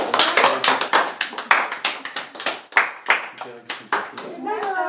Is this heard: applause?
yes